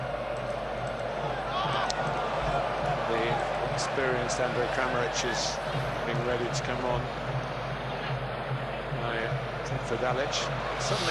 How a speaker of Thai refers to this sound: ทางพิกฟอร์ดเองก็ตบบอลลงพื้นด้วยก่อนแล้วก็เอาบอลกลับมาเล่นใหม่นะครับ